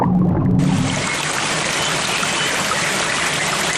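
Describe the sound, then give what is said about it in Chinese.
A mountain stream rushes steadily, a dense, continuous wash of flowing water that swells in after a brief, quieter low rumble at the start. “山间小溪富含氧气和有机质，是许多昆虫鱼类的育儿所。”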